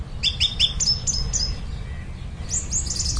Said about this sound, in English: Screaming swifts are the real kind of big sign, the harbinger of kind of autumn migrations underway.